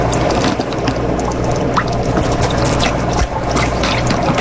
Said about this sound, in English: Step 2. Use turkey baster to remove approximately 30 milliliters of shrimp water solution from water chamber. Okay, so I'm going to get them in my turkey baster. Note, water should be somewhat orange in color from shrimp.